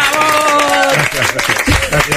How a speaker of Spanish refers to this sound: Él es Juan Ramonet. ¡Un fuerte aplauso! ¡Bravo!